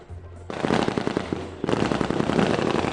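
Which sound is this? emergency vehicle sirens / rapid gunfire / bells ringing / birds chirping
rapid gunfire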